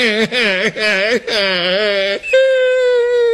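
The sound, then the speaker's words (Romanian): A voice imitates a small bear cub crying: several short, wavering whimpers in quick succession, then a longer wobbling wail that settles into a steady, sustained high whine, fairly loud. “A plâns iar cel de-al treilea ursuleț.”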